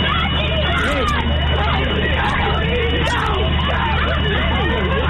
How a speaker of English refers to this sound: You hear the kids in the background, go, go, go.